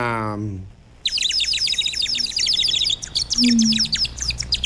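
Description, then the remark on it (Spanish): A dense flock of small birds chirps rapidly and continuously, bright high tweets overlapping loudly, after a brief voiced sound fades out at the very start. “¿Y qué comen los pajaritos?”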